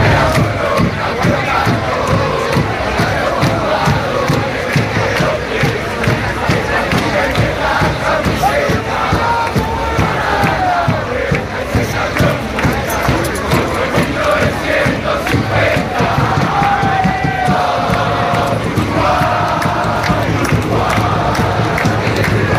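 A large crowd of Uruguayan football fans, supporters of the Uruguay national team, chants and cheers steadily, a loud, dense roar of many voices with rhythmic pulses and occasional rising shouts throughout.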